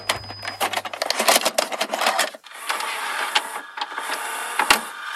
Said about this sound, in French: Il s'agit du bruit d'un magnétoscope.